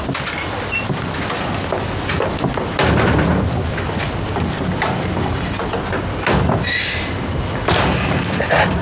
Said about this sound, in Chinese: 出来放鞭炮。